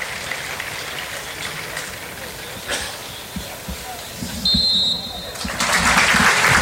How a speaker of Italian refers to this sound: fra poco sentirete il rumore del silenzio misto a quello degli applausi, che è quello dell'emozione e del tributo che il mondo del calcio va diciamo a riservare a uno dei suoi eroi.